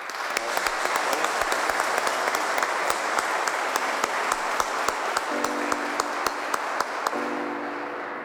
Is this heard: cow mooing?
no